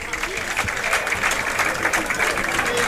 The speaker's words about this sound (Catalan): A veure, canvis. Se'n va aplaudit Mata. Se va Mata.